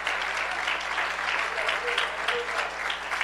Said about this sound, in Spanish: Dele ese aplauso al Señor con alegría.